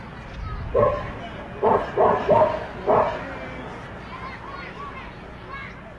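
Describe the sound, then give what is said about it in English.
A dog that serves as a team's bat boy at a baseball game barks about five times in a quick, uneven burst, fairly clear, against a steady background of crowd-like murmur that lingers after the barking stops. “The Doghounds have a dog that is their bat boy, and he is good.”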